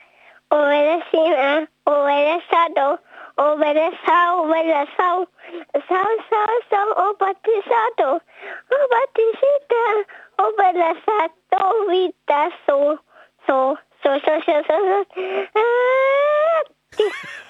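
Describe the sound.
A child sings the song Bella Ciao live on the radio, solo, in short lively melodic phrases with brief breaths between them; the voice sounds slightly thin and narrowband.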